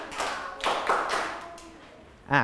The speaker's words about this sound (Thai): ทั้งหมดปรบมือ5ครั้งขออีก1รอบเด็กๆทุกคนปรบมือ5ครั้ง